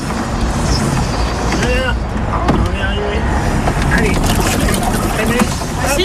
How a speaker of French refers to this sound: Ouais, c'est bon, voilà, et le bateau est arrêté.